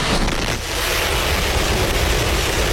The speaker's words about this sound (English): SpaceX carrying out a test flight of its Starship spacecraft, the most powerful launch vehicle ever built from its facility in Starbase, Texas. 5, 4, 3, 2, 1.